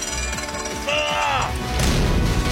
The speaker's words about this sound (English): Yes, watch your step over the threshold and give me a little hand here. Give me a little push. Let's push this megalodon of a door to slam shut behind us.